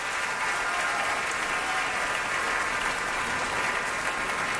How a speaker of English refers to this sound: He's applauding the orchestra.